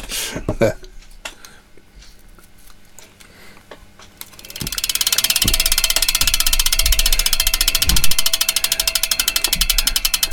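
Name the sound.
ticking sound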